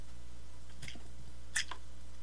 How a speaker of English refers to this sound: Let me get a slurp here.